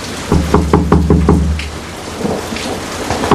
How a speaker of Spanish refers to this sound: ¡Uy, qué tormenta!